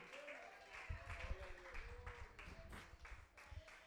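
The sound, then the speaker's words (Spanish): A crowd claps steadily and enthusiastically to the name of God during an evening prayer, the dense applause rolling on throughout with voices and a sustained musical tone beneath it. “Denle un fuerte aplauso en esta noche a su nombre.”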